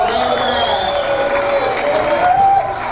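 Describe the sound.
A crowd applauds and cheers loudly and steadily for a few seconds, with dense clapping and shouting voices blending together, and a drawn-out whoop rising above the noise.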